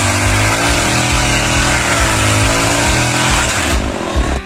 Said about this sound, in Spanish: Ah, está laburando con la motosierra. Estará cortando leña para el frío. Claro, debe ser que está cortando leña en el monte, mira.